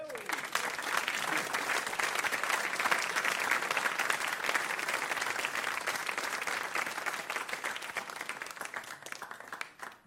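Sustained applause from a large concert audience, a special round for friends who provided something used in the performance, dense clapping holding steady for about ten seconds before tapering off at the end.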